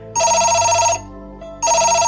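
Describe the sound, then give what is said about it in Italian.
A telephone rings in two loud electronic bursts, a bright, buzzy, high-pitched trill separated by a short pause, with the second ring still going at the end. No one speaks. “uno squillo, squillo, due, pronto!”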